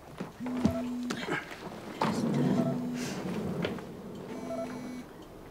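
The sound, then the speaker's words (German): The speaker's phone rings three times in steady, evenly spaced bursts of a low, buzzy tone over a noisy, rumbling background. “Oh, jetzt klingelt es bei mir.”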